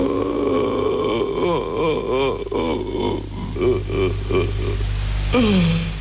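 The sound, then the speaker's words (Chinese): An old man cries in shaky, wavering sobs that come in repeated pulses, ending in a long falling wail, all over a steady low hum. “OK， 你刚刚听到了一段老人的哭声，是不是？”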